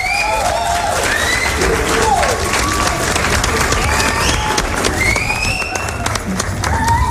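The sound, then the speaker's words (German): A steady, loud crowd applause sound effect, played as the rating for the I Play Rocky trailer, dense clapping with cheering and rising whistles over it, holding at the same level throughout. “Ja, gib mal einen Applaus, den spielen wir aus.”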